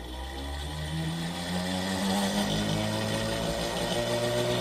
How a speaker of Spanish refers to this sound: Vamos a escuchar cómo se oye esa bobina de Tesla.